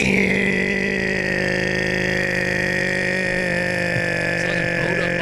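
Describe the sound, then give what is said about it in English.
A voice imitates a pedestrian crossing buzzer with one loud, steady, nasal buzzing drone held unbroken for about five seconds at a fairly constant pitch. “Crossing buzzer, you know?”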